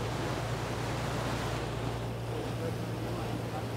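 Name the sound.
sea waves and wind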